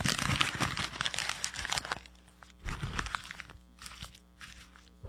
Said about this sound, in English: By the way, I just noticed, now we're in the old Rush Limbaugh studio, and it sounds, he used to fold up the paper, that's my tribute, and it sounds much better in the studio. It must be the soundproofing, I don't know, I've done it anyway